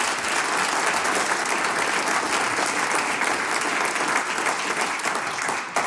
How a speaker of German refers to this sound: Gratulation und großen Applaus für dieses ehrenamtliche Engagement.